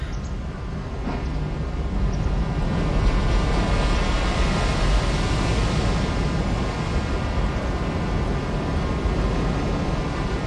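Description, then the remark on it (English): A dense, steady roar of ocean surf, recorded in Fukushima, Japan, about 1 kilometer from a nuclear power plant after the tsunami and nuclear disaster, blended with sustained droning tones, swells up over the first two seconds and then holds at an even level with no voices. “It's all with the sound of ocean, which I recorded in Fukushima in Japan.”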